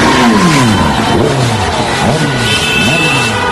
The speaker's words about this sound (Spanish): Centenares de vecinos de distintos municipios de la provincia salieron a las calles, iniciaron marchas con sus coches para celebrar la victoria de España ante Francia.